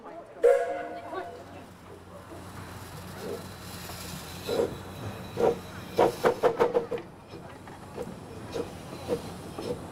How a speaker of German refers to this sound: Die Lok wurde 1925 bei der Firma Kraus in München gebaut, in einer Dreierserie, im Maßstab 1:3.